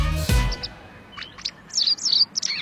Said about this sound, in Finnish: Kyllä vain linnut laulaa ja puhelinlangat, nehän laulavat.